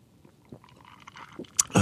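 A quick sip of Coke: soft wet slurping and mouth sounds build to a louder gulp and a short clatter at the end, with no one talking.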